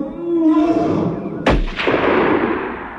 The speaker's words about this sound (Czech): To byl výstřel v pravou chvíli, kapitáne.